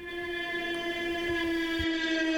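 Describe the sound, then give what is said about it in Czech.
A drone flying overhead, demonstrated by the Czech company Neuron Soundware, which is testing how precisely it can detect flying drones, gives off a steady, buzzing whine with a strong, even pitch and layered harmonic overtones, holding at constant loudness throughout with no voices. “Takové zvuky nechcete, abyste slyšeli, že vám to letí nad hlavou, to je přahý dron.”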